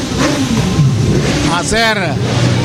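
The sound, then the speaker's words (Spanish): Loud car engines roar continuously, with a couple of sharp revving bursts whose pitch climbs and falls near the end, dominant, with voices faintly mixed into the din. “Hacer sonar sus motores, ¿no? Así de alto es.”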